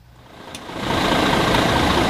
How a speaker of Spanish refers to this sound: Este que escuchan es el motor del autobús del Real Zaragoza en su llegada ayer, en ese día 1 de pretemporada en Boltaña, diario de pretemporada.